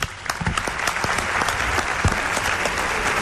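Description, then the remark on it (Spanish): A room full of people claps steadily in applause for a teacher of regression technique who is present, a dense wash of overlapping hand claps that holds at an even, fairly loud level throughout without any talking. “Un aplauso para él.”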